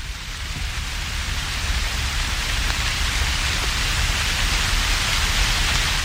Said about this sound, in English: When the rain begins to fall a little harder, I turn around.